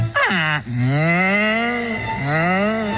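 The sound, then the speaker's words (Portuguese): Oxen moo loudly, several long drawn-out lows in a row, each one a deep, sustained bellow with rich harmonics and no other sounds around. “E como fixeron na Franqueira, daquela santo remedio, fixen así, colleron un carro de bois.”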